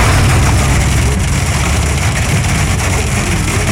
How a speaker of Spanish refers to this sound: Ahí está. Está cayendo en el carro. En el carro se siente más la granizada.